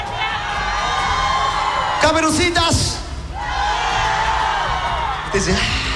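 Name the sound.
audience shouting and cheering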